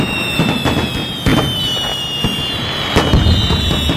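Fireworks crackle and pop in a dense, continuous barrage, with sharper bursts standing out about every second over a steady high-pitched hiss. No one speaks.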